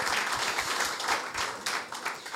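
A crowd applauds steadily, many hands clapping in a dense, continuous patter that holds at an even, fairly loud level throughout with no voices standing out.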